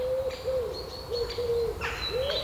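A bird calls in a series of soft, steady hooting notes, repeated several times in quick succession, with thin, high whistles over a faint outdoor background. No one speaks.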